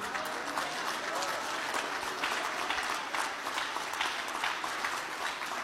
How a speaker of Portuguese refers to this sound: Dê um aplauso para o Senhor.